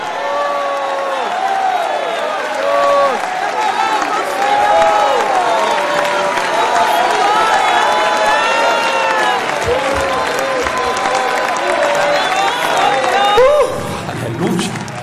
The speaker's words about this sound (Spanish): ¿Cuántos alaban a Dios ahora? Si alguien va para el cielo, grita su alabanza por 30 segundos.